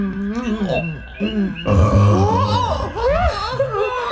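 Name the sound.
small burp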